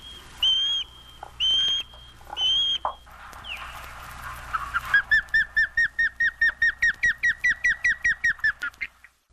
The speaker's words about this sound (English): Anyway, evolving or not, or whether we're aware of it or not, the one and only osprey is with us now, thrilling us with its feet-first plunge for fish in the waters of the world.